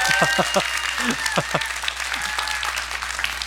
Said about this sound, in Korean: 이때쯤에 이제 박수가 나와야 되는데.